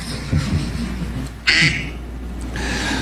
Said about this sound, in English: Is his ringtone a duck quacking? Yes. In the middle of the press conference, RFK's phone starts ringing, and apparently it's a quacking duck sound that he has selected as his representative ringtone.